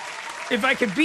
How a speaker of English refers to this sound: Cool points for that kid. Round of applause.